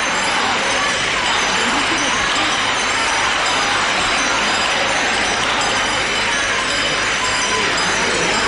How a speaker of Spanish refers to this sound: Qué imagen más bonita, la están poniendo de frente, la están acercando al pueblo, a la parte de las rejas, y hay gente agarrada, gritándole viva. Vamos a escuchar esos vivas.